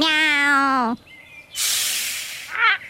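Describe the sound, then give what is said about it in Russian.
A voice imitates a cat, giving one drawn-out, tonal meow, then after a short pause a loud, breathy hiss and a brief raspy spit at the end, close and clear. “Мяу. О, это попугай Коруда.”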